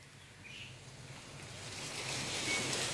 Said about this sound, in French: Oui, il y a beaucoup de bruit de pluie de la forêt amazonienne, mais qui traverse tout l'album.